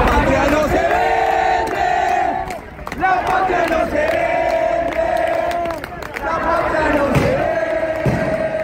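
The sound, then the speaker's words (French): A large protest crowd in Buenos Aires, in front of the Congress that is to vote on the law, shouts and chants in unison in the rain, loud, with sustained voices that dip briefly twice before surging again. “À Buenos Aires, face au Congrès qui doit voter la loi, la foule est nombreuse malgré la pluie.”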